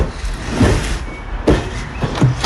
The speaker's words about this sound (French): Le camion arrive à Mathieu, c'est le 33e kilomètre sur le marathon.